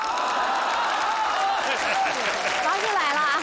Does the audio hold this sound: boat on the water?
no